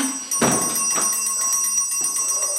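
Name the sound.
small bell ringing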